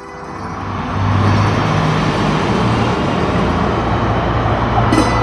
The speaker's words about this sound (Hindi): अरे ये इतनी सारी लग्जरी गाड़ियां एक साथ और पीछे मीडिया की गाड़ियां भी हैं। क्या हो क्या रहा है ये।